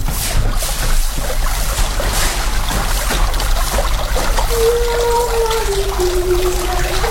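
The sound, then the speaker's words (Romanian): Water pours steadily into a clay jug at a fountain by a temple, as a girl fills her two jugs, a continuous splashing trickle; halfway through a hollow tone emerges and slowly shifts pitch as the vessel fills. No one speaks. “Stai mai întâi să-și umple urcioarele cu apă.”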